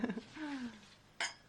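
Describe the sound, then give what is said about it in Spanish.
Glasses clink together in a toast on a radio program, one bright, ringing tap near the end that follows a brief murmur of voices, moderately loud. “Y podríamos hacer un brindis, ¿no?”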